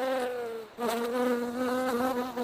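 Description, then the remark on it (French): A steady buzzing of bees, droning continuously with a slight wavering pitch and a brief dip partway through, with no voices present. “Sans plus tarder, je vous laisse écouter nos abeilles au micro.”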